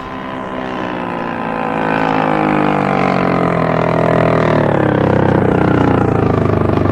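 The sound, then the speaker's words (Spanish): Motor launch engines drone steadily, swelling louder as the launches approach a ship, then the pitch shifts as the throttles ease back and they stop beside the ship's hull on the starboard side. The engine hum continues to the end, with no voices. “Las lanchas se detienen cerca del casco por estribor.”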